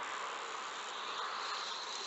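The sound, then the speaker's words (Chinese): A faint, steady electrical discharge buzz, about 50 decibels at its source, a continuous fizzing hiss with no breaks or rhythm, sitting quietly inside a noisy, cluttered background for about two seconds, with no one talking. “那个滋滋声就是我们采集到的放电声。”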